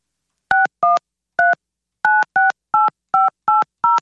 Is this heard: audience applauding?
no